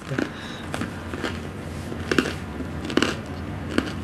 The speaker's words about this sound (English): Oh, wow, the bread is crunchy. It doesn't taste like tofu for sure. No, definitely. That's as chickeny as I've gotten in a long time.